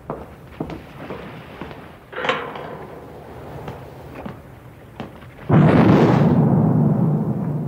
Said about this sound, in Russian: Самогорнов стреляет. Есть. Верный залп.